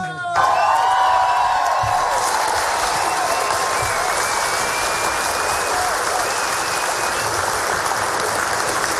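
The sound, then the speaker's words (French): Loud, sustained applause from a large audience fills the whole stretch, dense clapping with scattered whoops and cheers rising above it, all steady without letting up. “Il faudrait applaudir pour toi comme Jean-Jacques.”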